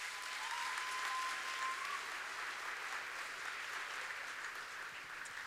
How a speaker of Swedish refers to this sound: Kan vi inte ge henne en varm applåd?